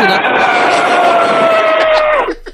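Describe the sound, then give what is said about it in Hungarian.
A person imitates an elephant's trumpet by blowing hard through pressed lips, producing a loud, sustained brassy blare with slowly falling pitch that lasts about two seconds before cutting off. “Az elefántod zseni.”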